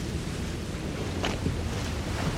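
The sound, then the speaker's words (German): A small motorboat water taxi churns across choppy water, its engine a steady low drone beneath constant wave wash and gusty wind, with a brief splash rising partway through. No one speaks. “Das ist das Wassertaxi.”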